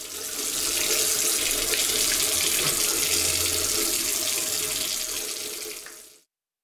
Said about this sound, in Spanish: Si no cerras la llave mientras lavas los platos o te cepillas los dientes, estás desperdiciando el agua que se tomarían 44 personas en un solo día.